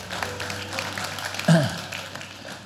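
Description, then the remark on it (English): An audience at a Christian service claps together for the Lord in a dense, steady round of applause lasting throughout, with a brief vocal cry rising over it about halfway through. “We'll give the Lord a hand clap on the way down.”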